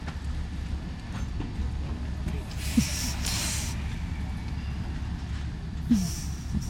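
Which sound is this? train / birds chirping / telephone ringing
train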